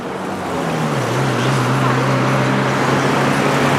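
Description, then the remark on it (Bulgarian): Loud, steady road traffic roar with a low engine drone holding underneath, as if heavy vehicles idle or pass on a busy road, at one of the exits of Sofia where trucks are weighed on an axle scale of the road administration. “Здравейте, намирам се на един от изходите на София. В момента стоя върху кантар на автомобилната администрация.”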